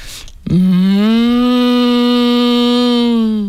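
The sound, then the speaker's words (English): A person imitates a cow lowing out in the sun in a field: one steady, droning moo held for about three seconds, loud, with no other sounds around it. “I think I do a good cow.”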